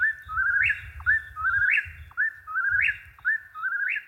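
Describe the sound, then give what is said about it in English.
A whippoorwill calls over and over, each clear whistled phrase sweeping upward to a sharp accent, repeating in a steady, rapid rhythm against a low background rumble. “Now, I want to play a little bit here of the whippoorwill because we were talking about the sound that they make.”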